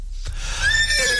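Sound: horse neighing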